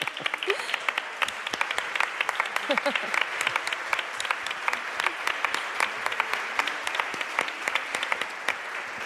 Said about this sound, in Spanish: Véngase, un aplauso.